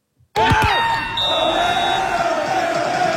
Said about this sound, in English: Fans at this watch party went absolutely bonkers when Canada scored the late winner.